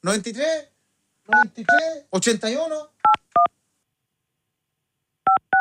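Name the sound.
phone keypad dialing tones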